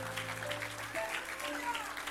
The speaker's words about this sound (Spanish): Denle un aplauso fuerte a Jehová.